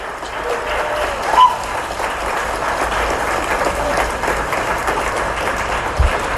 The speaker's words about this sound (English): Enthusiastic clapping there for the sale of Gus, the T-Rex fossil.